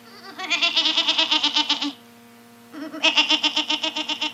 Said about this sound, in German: Daran hatte die Ziege Schuld. Sonst ein nützliches Tier.